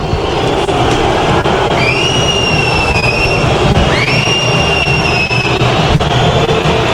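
A São Paulo stadium crowd rising and whistling at the whole Boca team, starters and substitutes, as it comes onto the pitch led by captain Leandro Paredes: a loud, steady roar, with two long, shrill whistles that each rise and then hold their pitch for over a second. No one speaks.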